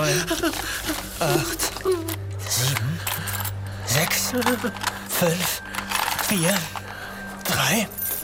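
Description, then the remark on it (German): Jangling and clinking of keys with small metallic mechanism clicks as a small casket is being unlocked, while a voice murmurs and hums over the top. “So, ich muss nur schnell die Schatulle aufschließen.”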